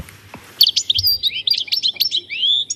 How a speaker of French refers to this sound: Le chardonneret. Le chardonneret. Avec ses jolies couleurs, c'est vraiment très bien.